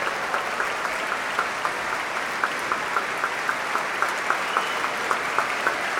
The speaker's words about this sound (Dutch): Applaus ook voor de klarinetisten